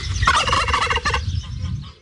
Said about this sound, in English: Gotta say, it sounded like a bossy one, didn't it? They always sound beautifully indignant, don't they, turkeys?